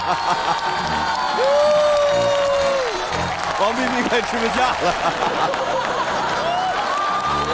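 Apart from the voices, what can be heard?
audience applause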